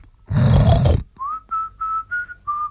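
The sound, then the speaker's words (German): A single loud, rough pig grunt lasting under a second from a pig in the pigsty of a small home farm, followed by five short, steady high-pitched whistled notes in an even rhythm. “Schauen wir also kurz in den Schweinestall,”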